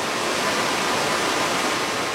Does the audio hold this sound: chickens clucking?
no